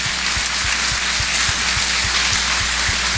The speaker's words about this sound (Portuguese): Por isso, vamos bater uma forte salva de palmas para esses nossos irmãos e irmãs.